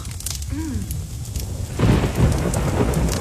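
Heavy winter rain in Victoria pours in a dense, steady hiss while a deep roll of thunder swells and rumbles through the second half. No voices.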